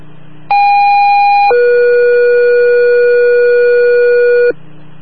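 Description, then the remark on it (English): A loud two-tone fire dispatch page for Hanover Township Emergency Services, Bartlett: a steady higher tone for about a second, then a longer, lower steady tone holding for several seconds before cutting off, with faint radio hiss around it. “Stand by, there's tones going out.”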